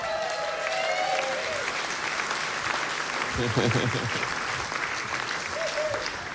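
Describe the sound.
An audience claps steadily in a dense, sustained round of applause, with whoops and cheers rising over the clatter and a voice briefly audible through the noise.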